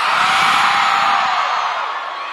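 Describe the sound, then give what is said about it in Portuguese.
A large concert crowd roars with shouts, whoops and cheers in a dense, continuous wall of noise that stays loud throughout and eases off only slightly at the end. “Agora pode gritar!”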